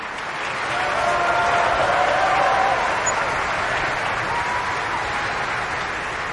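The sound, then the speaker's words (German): Sustained applause from a large opera audience at the Bayreuth Festival, a dense steady wash of clapping that swells within the first second and holds at full strength throughout, applauding Hungarian mezzo-soprano Anna Kisjudit after she sang Fricka. “Und hier wird applaudiert für die ungarische Mezzosopranistin Anna Kisjudit.”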